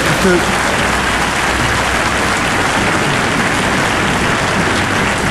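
audience applause

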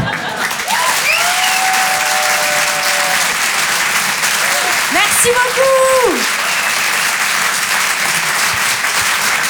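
audience applause

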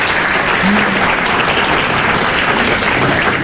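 audience applause

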